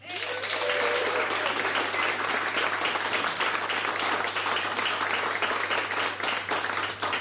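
Loud, sustained applause from a large audience, a dense wash of many hands clapping at once that holds steady for several seconds, with faint voices mixed in at the start.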